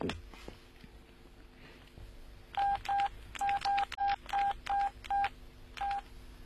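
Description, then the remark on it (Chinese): A rapid series of telephone keypad tones as someone dials a phone call: about a dozen short electronic beeps in quick uneven rhythm, loud, after a couple of seconds of quiet room noise. “哎，对啊，要不我给他打电话。”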